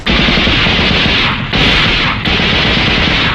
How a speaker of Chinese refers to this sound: 中队长，你听，枪声。